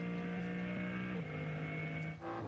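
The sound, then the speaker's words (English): A BMW M3 Touring race car's turbocharged engine, effectively the BMW M4 GT3 engine, drones steadily at a strong pitch, with a slight drop in tone partway through as if shifting, then a loud, continuous roar, not at full song as it enters a yellow flag zone in chilly conditions. No one speaks. “And look how quickly that BMW M3 Touring has scampered up the road, listening in to what is effectively still the BMW M4 GT3 turbocharged engine.”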